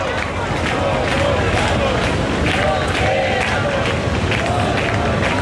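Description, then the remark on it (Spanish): A large protest crowd in the Puerta del Sol chants and shouts together in rhythmic waves, crying "nos quedamos, no nos vamos" as the repeal of a decree is approved. A dense roar of many voices is sustained throughout, with rising cries cutting through the steady babble. “La Puerta del Sol, de momento, el grito es: nos quedamos, no nos vamos, justo en el momento en el que se ha aprobado la derogación de ese primer decreto, que decae desde este momento”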